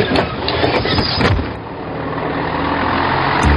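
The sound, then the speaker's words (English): The engine of a brand new biomethane-powered bus shuttling people between Bath and Bristol Airport runs steadily with a deep, loud rumbling drone, with some rattling and a brief surge of revving near the start, no voices present. “This brand new biobus is shuttling people between Bath and Bristol Airport.”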